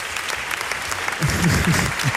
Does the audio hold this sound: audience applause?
yes